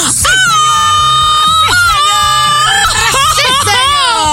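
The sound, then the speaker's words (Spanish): A loud, festive Mexican grito: one voice holds a high, piercing yell for several seconds, with sharp pitch swoops and breaks, over a low background murmur. “Y sí te escuché, sí te escuché que rascaba el grito y tal la cosa.”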